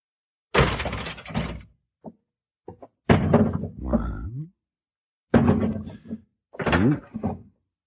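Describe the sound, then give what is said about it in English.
A door creaks open, then a few heavy guns are tossed down one after another, each landing with a loud clattering thud and a brief ring, separated by short pauses. “We'll open the door. Throw down our gun.”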